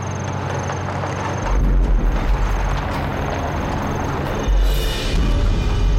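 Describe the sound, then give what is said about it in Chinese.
A heavy truck engine, seemingly a Japanese truck, rumbles steadily, its deep drone growing louder as it approaches after the first second or so, with no voices over it. “卡车， 好像是日本人的卡车。”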